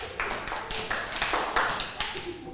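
A group of children clapping together in a steady, fairly quick rhythm, the sharp claps overlapping slightly and continuing for a couple of seconds, applauding a classmate at their teacher's request during a lesson on reading and writing the time.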